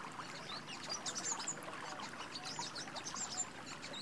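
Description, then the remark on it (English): Water trickles and splashes steadily in a green oasis while many small birds chirp and twitter in the background, their short calls overlapping throughout in a calm outdoor scene with no voices. “You are surrounded by greenery, and there are the sounds of water and birds.”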